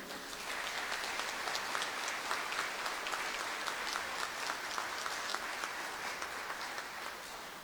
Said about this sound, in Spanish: Y un aplauso fuerte, por favor, para todo el personal de esta administración.